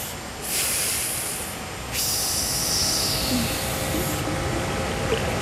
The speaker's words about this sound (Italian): Qui si sente acqua. D'acqua. Il rumore dell'acqua. Un fiume con tanta, tanta acqua. Molto, molto rumoroso, sì, sì, sì, sì. E sembra mossa.